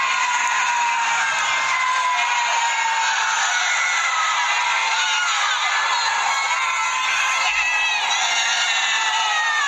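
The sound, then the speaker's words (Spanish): A large crowd shouting and cheering from balconies as Argentina scores its second goal in a match, a dense, continuous wall of overlapping voices and whoops that stays loud and steady throughout, echoing slightly as if from above and around. “Ahí están gritando en el balcón. Toda la gente gritando.”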